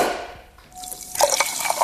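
Sparkling water is poured into a small glass, a short splashing pour with bright fizzy crackles and drips that grows louder in the second half, no voices present.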